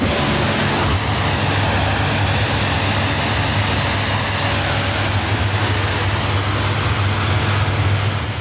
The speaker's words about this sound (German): Chef und Inhaber von der Bootswerft Wolf zu Wallenstadt und spritzt gerade das nächste Motorboot ab.